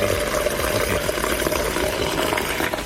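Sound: water running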